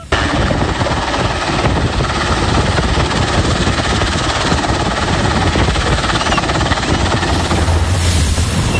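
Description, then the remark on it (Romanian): A rescue helicopter roars overhead during the rescue of survivors from a sinking ferry bound for Turkey, its rotor blades thudding in a rapid, steady chop over a dense engine whine that stays loud and unbroken throughout, with no voices. “Salvatorii i-au cules cu bărci și elicoptere pe cei care au reușit să iasă pe singura bucată din feribot rămasă la suprafață.”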